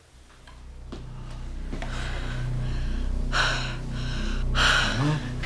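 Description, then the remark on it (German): Labored, gasping breaths: a series of strained inhalations building to two sharp, loud gasps near the end, as a woman with breathing problems and a fast heart rate struggles to breathe. The breathing is raspy, with no speech. “Ich hatte vorhin schon Probleme mit Atmen.”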